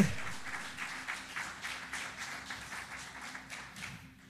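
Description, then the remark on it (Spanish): An audience applauds: many hands clapping in a dense, steady patter that holds for several seconds before thinning out at the very end. No voices are heard. “Si ese aplauso es para él, es suerte.”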